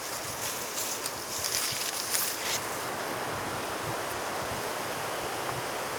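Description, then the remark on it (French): Steady, rustling wind blows by the Lac du Salagon, a freshwater reservoir in the Hérault department of France, a constant airy hiss that swells briefly in a couple of gusts before settling back. No one speaks. “Il y a toujours, en toile de fond, le bruissement de ce vent.”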